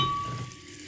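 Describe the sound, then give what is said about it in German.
A bottle of sparkling mineral water is opened, releasing a steady hissing fizz that starts strongest and gradually eases off, with no voices. “Und dann öffne ich das Ganze und...”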